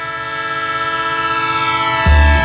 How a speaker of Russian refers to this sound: Поехали на поезде к родственникам на юг. Через 5 минут остановка на промежуточной станции.